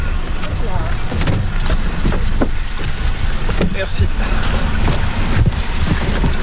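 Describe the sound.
A boat motor rumbles steadily as a boat carrying glass eels sets off on the Lac d'Hourtin to release them, with heavy wind buffeting the microphone and indistinct voices faintly in the background.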